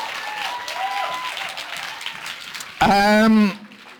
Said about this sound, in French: Ils sont là pour vous autres. Ben, applaudissez-les, là.